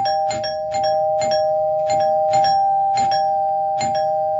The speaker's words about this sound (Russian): Но в это время из передней послышался громкий, очень длинный звонок.